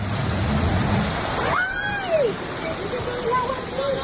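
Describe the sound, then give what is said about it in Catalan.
Steady, loud rush of fast-flowing floodwater after heavy rain in Catalonia fills the scene, with a brief high-pitched wavering cry rising and falling midway and faint voices in the background. “Els aiguats han deixat prop de 100 litres per metre quadrat en punts al Penedès i l'Anoia, han fet créixer rius i rieres, han alterat trens, metros, vols i carreteres.”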